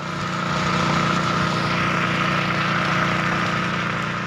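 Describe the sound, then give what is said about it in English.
Engines of fire trucks that keep coming to extinguish burning trees and brush along a road in central Kalimantan drone steadily, a continuous loud rumble with a low hum and layered engine tones that hold even throughout, with no voices. “and the fire trucks extinguishing these fires keep coming.”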